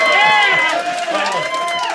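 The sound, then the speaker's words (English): A Saturday late-show comedy crowd erupts in loud cheering and high-pitched screaming when asked to make noise if they hate children, many voices whooping and shrieking together in a sustained burst that barely dips before swelling again. “Make some noise if you hate children. There's some noise.”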